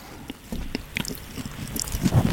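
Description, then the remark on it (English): Loud, wet, squelchy, squidgy chewing into the microphone pop shield, with irregular smacking and clicking mouth sounds over a couple of seconds and no talking. “Just chew as loud as you can into the pop shields.”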